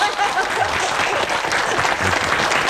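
Steady applause from a group of people welcoming a director who has just arrived, a dense, continuous patter of many hands clapping at an even level throughout, with no voices standing out.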